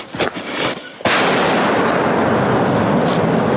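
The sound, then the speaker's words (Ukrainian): An artillery gun fires a single shot: a sudden, very loud blast that turns into a heavy, sustained roar and rumble. The roar continues to the end after a quieter lead-in. “Постріл!”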